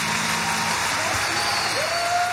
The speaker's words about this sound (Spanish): Fuerte el aplauso